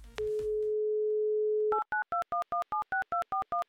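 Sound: telephone dial tone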